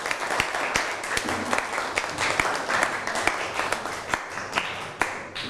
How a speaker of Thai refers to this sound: ได้ เอาปรบมือให้ตัวเองหน่อย